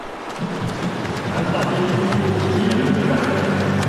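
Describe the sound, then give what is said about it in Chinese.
Swimmers thrash through the water in a men's 50-metre backstroke final (university group one), a steady rush of splashing broken by quick, irregular slaps, with a murmur of voices underneath. “我们可以听到现场的这个通气声啊，运动员啊滑笔打水的声音噼啪啪的，可讲竞争程度是相当的激烈。”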